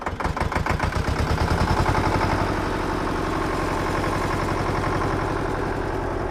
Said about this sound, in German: Lena schmeißt den großen roten Traktor in der Scheune an. Der Lack ist schon an vielen Stellen abgeplatzt, die Reifen fast mannshoch. In den tiefen Profilen, da klebt noch trockene Erde von der letzten Fahrt.